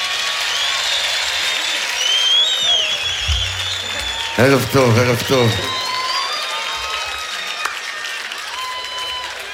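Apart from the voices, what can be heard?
audience applause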